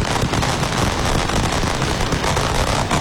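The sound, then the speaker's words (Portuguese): A dense, steady roar of street noise from Grêmio football fans on the arena esplanade awaiting the team bus, thick with rapid crackling pops of flares and firecrackers, holding at a loud level throughout without any clear speech. “Outra fumaça dos sinalizadores, tá aí o barulho, né? Olha o barulho da rua, olha o barulho da rua.”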